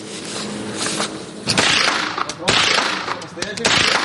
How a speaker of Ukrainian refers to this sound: Гучні постріли та зосереджені погляди. Для цих підлітків це більше, ніж просто навчання стрільбі.